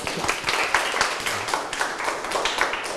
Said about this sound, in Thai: ปรบมือสิครับ